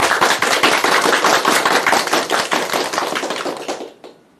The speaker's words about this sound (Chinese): 我们掌声欢迎。